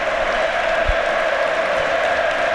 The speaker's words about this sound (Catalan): És que aplaudeixen fins i tot els jugadors del Getafe.